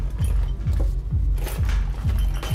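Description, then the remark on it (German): Keys clink and jangle in a series of short metallic bursts, roughly every half second, over a steady low rumble, with no one talking. “Ja, der Schlüssel.”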